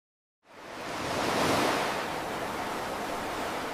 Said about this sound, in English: I love the roar of the ocean and the sounds of the seabirds. But sadly, for too long, I couldn't hear them very well. The sounds were muffled.